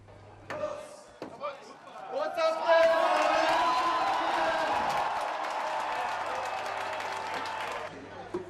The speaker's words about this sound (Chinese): 慕尼黑市长在众声的欢呼声中凿开了第一桶啤酒。今年的慕尼黑啤酒节已经是第191届，为期16天。